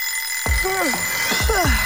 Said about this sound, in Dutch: Ja, de wekker kan vreed wezen.